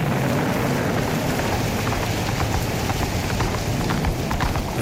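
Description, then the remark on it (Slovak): Horse hooves clop steadily through a heavy rainstorm on rocky ground, the hoofbeats rhythmic beneath a constant hiss of rain and wind. No one speaks. “nikdy neskončí táto hrozná búrka. Nikde ani stopa po životvorovi. Všade samá skala, vietor a dážď.”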